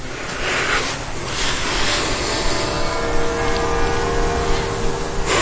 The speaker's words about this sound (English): That's the bells of the church you're hearing through the opening. It's the city hall. Hmm? It's the bells of the city hall.